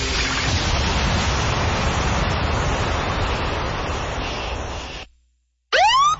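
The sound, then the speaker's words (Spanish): A shower runs with a steady, full hiss of spraying water for about five seconds, then cuts off abruptly. After a brief silence, a short rising whistle-like sweep sounds. “Oye, no dejes tanto tiempo la regadera abierta.”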